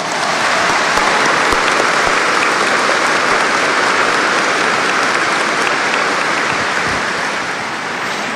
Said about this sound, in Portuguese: Isso, no arcebispo, nos bispos auxiliares, no arcebispo emérito, a gente acolhe uns aos outros e acolhemos todos vocês com uma bonita salva de palmas.